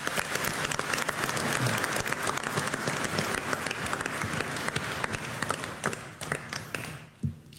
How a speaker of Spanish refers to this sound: Hoy estamos celebrando el Divino Salvador del Mundo. Un aplauso al Divino Salvador del Mundo.